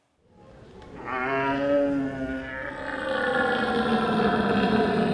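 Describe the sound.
A man imitates a red deer stag's call at the 18th North German Deer Calling Championships in Bolevik, with a long, deep, bellowing roar that swells in loudness and stays continuous and raspy for about five seconds, with no talking.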